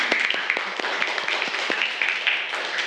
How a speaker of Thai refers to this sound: โอเคปรบมือเพื่อนหน่อยค่ะ